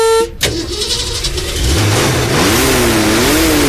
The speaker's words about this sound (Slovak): No a my si teraz vypočujeme 8 valec aj so zatrúbením.